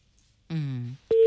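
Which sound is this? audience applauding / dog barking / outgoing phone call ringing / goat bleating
outgoing phone call ringing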